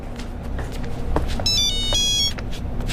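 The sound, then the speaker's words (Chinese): A phone rings with a bright electronic ringtone for an incoming work call, one burst lasting under a second, heard over a steady low rumble of background noise with a few soft knocks and steps. “接个工作电话。”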